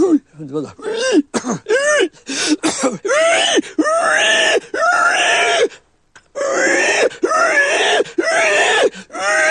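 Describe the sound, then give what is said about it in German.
A voice imitates a dying pig (sow): a few short, choppy squeals, then long, strained, high-pitched screeching wails produced from the larynx, loud and harsh, separated by brief gaps. “Das sterbende Schwein, das ist ja mein Paradetier gewesen, ne?”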